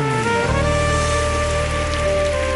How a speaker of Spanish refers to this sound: Dale fuerte el aplauso, Dios.